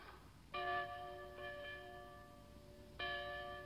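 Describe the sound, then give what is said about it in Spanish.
A bell rings out three times at uneven intervals, each clear metallic strike lingering with a sustained, shimmering tone before the next, signalling that a session resumes. Moderately loud, with no voices. “La campana.”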